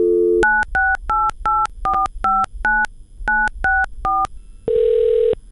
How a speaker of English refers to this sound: In thinking about who I wanted to talk to about this, I decided to pick up the phone and make a call.